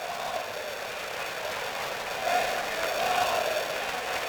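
A baseball crowd down the right field line cheers "Thank you, Ollie" in a steady, dense roar that swells slightly louder midway and stays up through the end, with no single voice standing out.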